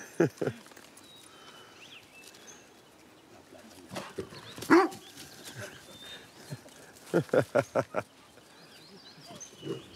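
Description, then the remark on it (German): A dog barks in short, sharp bursts while romping with a tame wild boar in front of spectators, a couple early on, one loud bark midway, then a quick run of five near the end, with thin high whimpers in the quieter gaps. “Da sagt der Hund, wo es lang geht, wa?”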